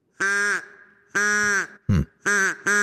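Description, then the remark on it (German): A reconstructed call of the dodo, an extinct bird that lived on the island of Mauritius until about 400 years ago: four loud, nasal, honking calls in an uneven series, with one short rough grunt between them, alone. “Aber so könnte ein ausgestorbener Vogel geklungen haben. Der Dodo hat bis vor 400 Jahren auf einer wunderschönen Insel mit Traumstränden gelebt,”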